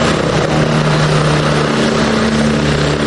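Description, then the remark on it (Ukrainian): An An-32 turboprop transport plane flying at 1200 metres roars steadily and loud, its engine drone a constant rumble with a low humming tone throughout, as rescuers parachute from it one after another during a rescue training exercise. No voices are heard. “З літака Ан-32 один за одним десантуються рятувальники.”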